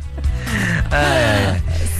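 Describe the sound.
A long, drawn-out yawn from someone close by, voiced and fairly loud, its pitch sliding up and then sinking as it trails off over about two seconds.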